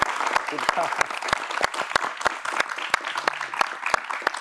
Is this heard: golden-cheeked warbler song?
no